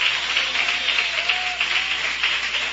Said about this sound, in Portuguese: Podeis assentar, meus irmãos, e louva a Jesus com aquelas palmas bem forte e bem alegre em nome de Jesus.